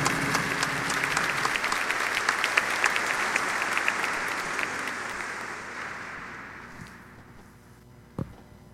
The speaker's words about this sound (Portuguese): Palavra do Senhor. Graças a Deus. E uma salva de palmas à palavra do Senhor.